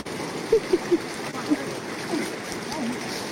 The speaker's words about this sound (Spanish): Ahí vamos nosotros buscando río abajo, buscando la forma más fácil de pasar donde estuviera más pandito y menos correntoso.